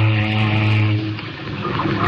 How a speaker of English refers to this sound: Say, don't you ever use your foghorn? Not up here. Except now and again to tell if we're close to an iceberg. Sometimes the sound will bounce off.